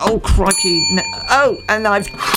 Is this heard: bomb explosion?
no